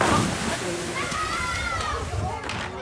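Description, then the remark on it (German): Busy lakeside swimming beach at the Totenbrocksee lake in Beckum: water sloshes and splashes continuously while children's voices and shouts carry across the scene, with no single dominant event. “das war's hier vom Totenbrocksee in Beckum”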